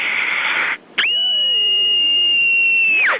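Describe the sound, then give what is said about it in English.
An 8-year-old child's single high-pitched scream, loud, held steadily for about two seconds before cutting off, following a brief burst of breathy noise. “I'm 8 years old, and here's my scream.”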